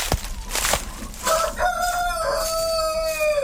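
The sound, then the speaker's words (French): A rooster of the Grise du Vercors breed, a hardy dual-purpose chicken breed, crows once, a long drawn-out cock-a-doodle-doo with a rising then sustained tone, preceded by a few short clucks and scratchy noises. “Alors, la poule grise du Vercors, c'est une race rustique qui est utilisée actuellement à double fin.”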